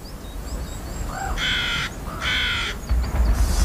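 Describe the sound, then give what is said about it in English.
Two harsh, drawn-out raven caws sound one after another, loud, over a low rumbling outdoor background with no one talking. “Ravens may have one of the largest brains relative to body size amongst birds.”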